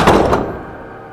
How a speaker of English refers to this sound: He reaches in and shuts the door, turning toward Chuck.